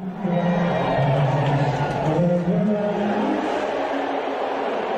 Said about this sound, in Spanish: a mí me parecen abucheos. Pitos, no sé, pero...